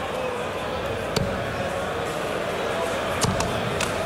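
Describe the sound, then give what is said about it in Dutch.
A dart dropped by the Dutch side clatters onto the floor during a Netherlands versus England darts tournament match, a few short sharp taps heard over a steady murmur of crowd noise and indistinct voices. “En weer een pijl op de grond.”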